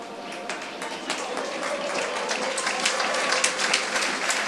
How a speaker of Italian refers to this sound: Applausi a scena aperta per Max Marsili, autore anche quest'oggi. Una grande prova. Tutti in piedi per applaudire un immenso Max Marsili.